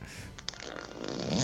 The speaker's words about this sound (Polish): On chyba na serio dzwoni, tylko taki dźwięk, bo się bawi jakimś suwakiem. Halo słuchaczu, czy ty jesteś słuchaczem pierdzącym, czy dzwonisz na serio?